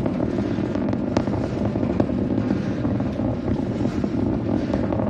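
rocket engines roaring

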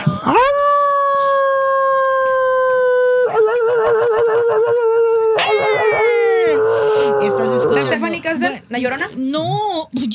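werewolf howl sound effect

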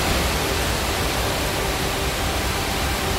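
rushing flooded river water

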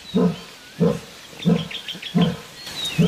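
lion roaring

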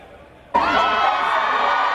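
crowd chanting

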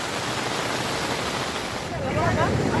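rushing flood water

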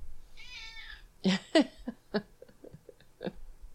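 cat meowing

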